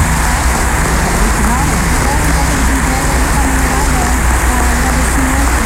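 Loud, sustained applause from an audience thanking the team that organized the event behind the scenes, a dense steady wash of clapping that holds the same intensity for several seconds without pausing, with faint voices mixed underneath.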